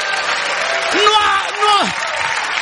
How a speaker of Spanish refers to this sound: Ahí está aplaudiendo porque se siente que bailó el sábado. Aplaude así.